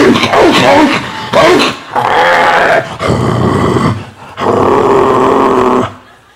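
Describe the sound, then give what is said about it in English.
A German Shepherd dog growls and snarls aggressively in several loud, harsh bursts, separated by brief pauses, with the final stretch a long sustained rumbling snarl. “You know that nasty like German Shepherd all day.”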